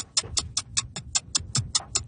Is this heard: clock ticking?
yes